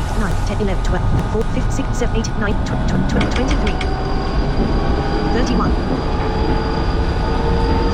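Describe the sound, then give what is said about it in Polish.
A simulated British metro train on automatic ramp control rumbles steadily as it starts moving and picks up speed to about 47 km/h, with a continuous low roar, faint whining motor tones and wheel clatter, while a voice talks over it. “No to pociąg nam zaczął jechać sam.”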